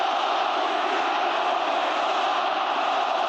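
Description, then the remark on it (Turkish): A large crowd of Beşiktaş football fans chants for Muhammed Salah at Leandro Trossard's signing ceremony, in a loud, steady roar, their many voices blending into a dense, sustained wall of sound with no pauses. “Beşiktaşlı taraftarlar transfer gündeminde yer alan Mısırlı yıldız lehine tezahüratlar yaptı.”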